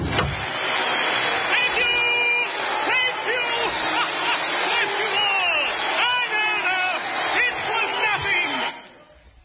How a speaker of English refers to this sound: And the crowd, listen to them.